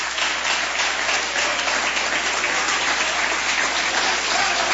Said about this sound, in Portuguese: Vamos receber o céu de Deus com palmas bem alegre para Jesus.